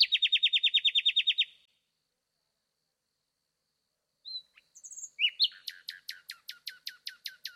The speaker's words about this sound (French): Dans la nuit, le rossignol remplit l'espace.